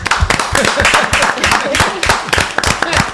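A crowd at a Radio Filispín show applauds steadily and loudly for about three seconds to welcome a returning guest, dense clapping punctuated by sharper, rhythmic claps, with voices mixed into the noise.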